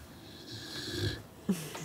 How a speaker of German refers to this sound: Dieses schlummernde und schnarchende Glücksschweinchen hat die Familie Eckert in Stuttgart jedenfalls vollkommen verzaubert.